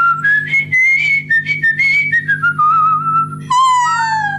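A person whistles a melodic tune, the pitch sliding smoothly between notes in a steady phrase, ending with a higher, brighter passage; no talking.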